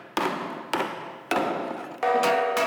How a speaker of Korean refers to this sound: 망치질을 해가면서 이제 그 떨림을 조정해가지고서 우리가 이제 고유 진 소리를 찾아나가서 이게 나에 맞는 진이 된다 이렇게 찾아나가면서 계속 하는 거예요.